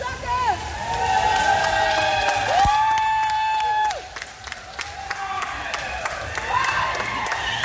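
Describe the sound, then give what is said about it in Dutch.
An audience applauds and cheers loudly and steadily for swimming pupils who have just earned their swimming diplomas, with sustained whistle-like tones sounding over the clapping and crowd babble. “Ja, verdiend applaus voor deze leerlingen.”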